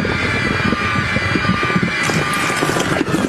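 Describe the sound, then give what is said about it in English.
A long, loud fart sound effect, labeled "fart wop" in the machine, plays from a sound machine: a steady, rumbling, sputtering buzz that carries on for over three seconds without pause, with no voices. “It's labeled in the machine as fart wop.”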